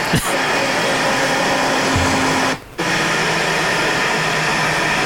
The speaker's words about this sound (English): The good thing about her, she had air conditioning. Oh, lovely. And it's working.